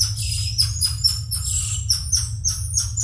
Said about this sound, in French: Ce petit cri strident, voire sifflant, est celui du tamarin lion. Un primate qui fait partie de la famille des Calitrichidae, comme le Ouistiti, à savoir un petit singe de moins de 30 cm et pesant en moyenne 500 grammes.